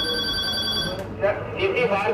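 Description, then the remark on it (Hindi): An electronic telephone ring trills steadily for about a second with bright tonal harmonics, then stops as voices and chatter take over in a busy fire service control room that receives emergency calls from all of Delhi and transfers them onward. “तो ये वो सेंटर है जहाँ से पूरी दिल्ली की कॉल इनके पास आती है और ये उन कॉल्स को जो है वो अलग अलग जगह पर ट्रांसफर करते हैं।”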